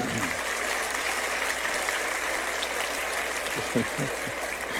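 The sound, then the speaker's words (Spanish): Steady applause from an audience, a dense wash of many hands clapping at an even level throughout, with a few faint murmurs near the end. “No sé exactamente qué aplauden, pero me imagino que es a Víctor Hugo, ¿no es cierto?”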